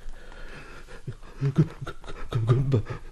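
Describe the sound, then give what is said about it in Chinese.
Heavy, ragged panting, a series of quick uneven breaths with a few voiced gasps mixed in, of someone catching their breath on a small path after running through grass and trees. No one speaks. “满脸不知道是汗水还是泪水，穿过草木到了一条小径上喘息。”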